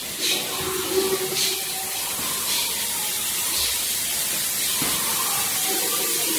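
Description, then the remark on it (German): A steady, roaring hiss of spray and steam fills the whole stretch as a steamship at double steam fights through a storm, with a low churning rumble underneath and no clear pauses. “Mit doppeltem Dampf kämpfe ich gegen einen Sturm.”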